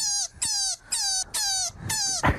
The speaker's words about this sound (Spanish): Pues no, yo no conozco ningún animal que haga este ruido. ¡Un conejo! ¡Un conejo! Este es el ruido. Oye, que parece un... ¿Esto hace un conejo? Esto hace un conejo.